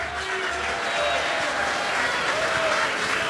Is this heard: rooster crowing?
no